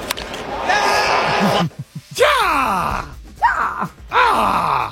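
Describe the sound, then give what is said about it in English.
Over a roaring crowd, a man lets out a loud, raspy yell whose pitch slides downward, then two shorter whooping cries follow: Howard Dean's famous political campaign scream, used as a sound drop. “They said when we did play it the first time in sports, it's Howard Dean or the Wilhelm scream.”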